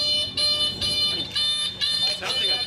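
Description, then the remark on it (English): Repeated electronic beeping from a safety alert just fitted on the back of a car, sounding in steady pulses at moderate volume, with people talking over it. “He just put this on, like the beeping thing on the back of his car.”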